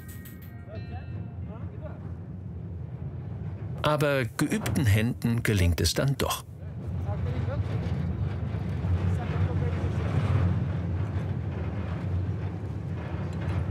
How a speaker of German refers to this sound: Der Wind ist stark und die Waggons wackeln.